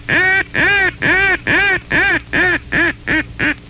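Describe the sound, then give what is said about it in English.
A duck call blown in a fast, urgent comeback call sequence, used when ducks flare away: about eight loud, raspy quacks in quick succession, each shorter and quicker than the last, with no talking. “If ducks become alarmed and flare away, switch immediately to the fourth essential call, the comeback call.”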